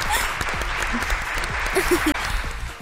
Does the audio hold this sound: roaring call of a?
no